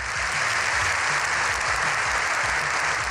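A seven-minute standing ovation from politicians in the Congress for the visit of Pope Leo XIV: sustained, dense applause, steady and loud throughout with no pauses, a continuous wash of clapping with no voices standing out.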